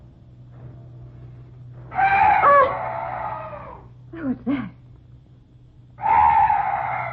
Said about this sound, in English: Oh, some night birds. Yes, that's all. Such a weird sound. I've never heard anything like it before.